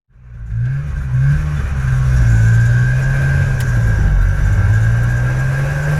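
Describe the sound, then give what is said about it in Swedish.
A motorcycle with a sidecar drones steadily as it drives along, a loud, low engine rumble that swells slightly in pitch and holds throughout, with no voices. “De flyttade med en motorcykel som hade en sidovagn och körde via Sverige sen.”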